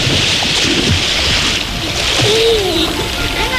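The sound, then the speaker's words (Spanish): Water splashes and churns steadily as people soak and move through shallow water in Cañamero, a village between Logrosán and Guadalupe, with some voices and a breezy outdoor hiss mixed in. “hoy nos estamos remojando el culino aquí en Cañamero, en un pueblo que está entre las localidades de Logrosán y Guadalupe”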